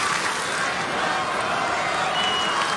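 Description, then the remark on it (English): A Monday night baseball stadium crowd cheers for their Royals at the first game of a new homestand in a steady, loud roar, a dense wash of many voices holding at an even level for the whole few seconds with no distinct claps or single shouts. “This Monday night crowd trying to get behind their Royals.”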